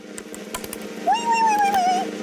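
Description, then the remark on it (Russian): A nutcracker with a lever handle snaps a nut shell with a handful of sharp, brittle cracks, spread out irregularly over a low steady hum, while a long, wavering high-pitched tone sounds through the second half. “Сломали орешек.”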